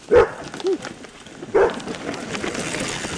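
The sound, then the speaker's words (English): A service dog named Azul lets out three sharp barks, two in quick succession and then a louder one after a short pause, against a steady outdoor background noise with no talking, in Essex Junction, Vermont. “loves to mountain bike with his service dog, Azul.”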